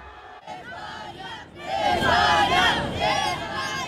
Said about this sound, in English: Despite the defeat and that incident, fans warmly welcoming the Argentinian team back to Buenos Aires. Many had come out to support Lionel Messi, but he was not amongst the returning players.